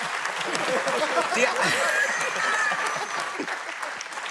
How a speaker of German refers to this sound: Du brauchst nicht klatschen, wollte ich sagen.